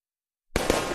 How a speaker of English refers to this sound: Grab the blanket, bring out the bug spray, and let's celebrate the 4th of July. Wow, fireworks are awesome!